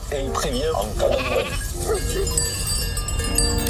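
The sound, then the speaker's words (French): A shepherd's flock of 260 ewes in the Pyrenees bleating over one another, wavering calls, with the steady clanking of many bells running through the whole scene. “berger d'un troupeau de 260 brebis dans les Pyrénées.”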